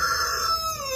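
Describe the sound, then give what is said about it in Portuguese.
A rooster crows loudly, one sustained, strained call with a slight downward slide at the end. No one speaks. “É galo, é boi berrando.”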